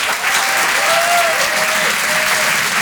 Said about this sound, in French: Alors, est-ce qu'il y a des gens ce soir qui me connaissent par applaudissement? Oh, mais c'est mon record.